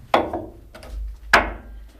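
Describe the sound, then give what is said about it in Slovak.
Two solid knocks on a wooden wine barrel in a wine cellar hewn into andesite tuff, about a second apart, fairly loud with a short hollow ring after each, and a faint tap between them. No one speaks. “To nemajú vinohradníci radi, to klopanie, lebo to ešte z čias, keď chodili daňoví úradníci.”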